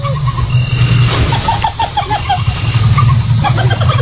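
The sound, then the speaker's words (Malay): A civet's laugh-like mating call, made to attract other civets during mating season and produced partly by the hyoid bone in its neck: a rapid run of short, chattering, cackling notes repeating over a steady low hum, with no talking. “Itu tadi adalah suara musang. Suara tadi bukan buat nakutin manusia, melainkan untuk menarik musang lain saat musim kawin.”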